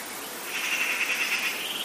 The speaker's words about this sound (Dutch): En onze technicus Geert die heeft met duct tape twee microfoons uit een raam gehangen. Ze hangen er prachtig bij en ja, we horen het. Ook hier klinkt natuur. Af en toe een roodborstje.